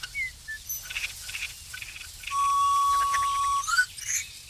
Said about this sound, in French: Pinson.